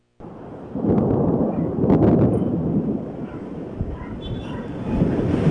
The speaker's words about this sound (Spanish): La tarde y noche de este martes se registró una tormenta eléctrica inusual, la cual duró cerca de 2 horas. Los estruendos se oyeron por toda la ciudad y también las descargas eléctricas aparecían constantemente y con fuerza en Taxco.